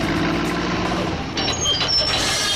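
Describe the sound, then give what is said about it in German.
A heavy construction-site truck engine rumbles low and steady throughout, and high-pitched reversing beeps and a hiss of air brakes rise over it in the second half. “Und jetzt geht's erstmal auf die Baustelle.”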